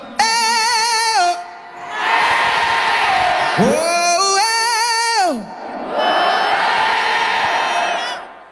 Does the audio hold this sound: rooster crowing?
no